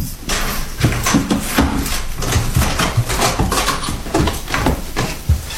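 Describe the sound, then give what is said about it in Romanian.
An old salon door, unopened for 13 years, being forced open with a rusty key, with a long stretch of loud creaking and rattling broken by irregular knocks and clicks. No one speaks over it. “Poate nu mai merge, fiindcă de atunci de 13 ani nimeni n-a mai deschis ușa aceasta.”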